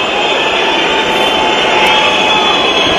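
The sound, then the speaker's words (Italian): A large stadium crowd at a Verona–Roma football match whistles in loud, sustained disapproval at Roma's Malen as he sets the ball for a penalty. A dense wall of shrill whistling sits over a rumbling roar that holds steady for the whole few seconds, with no voices standing out. “Valanga di fischi per Malen.”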